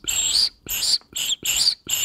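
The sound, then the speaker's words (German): High, breathy whistling tones from blowing across the open end of a tube, like a pan flute: five loud, short blasts separated by brief silent gaps, with no talking. “wenn ich reinpuste, das klingt cool, so ein richtig hoher, pfeifender Ton. Eigentlich wie eine Panflöte.”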